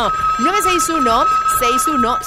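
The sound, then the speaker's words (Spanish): A telephone rings with a steady, continuous electronic tone that holds throughout, fairly loud, while voices that sound sung or melodic carry on over it, as a phone line is opened for callers. “Vamos a activar línea telefónica en este preciso momento.”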